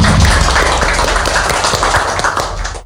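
Audience applause, a dense, steady patter of many hands clapping at once, loud and continuous for a few seconds before thinning out at the end, with no voices over it.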